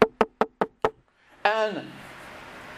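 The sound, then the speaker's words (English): Five sharp, evenly spaced knocks on a door rap out in quick succession, clear. After a brief pause, a short voiced call rings out and fades into a faint hiss. “Have you ever had someone knock on your door?”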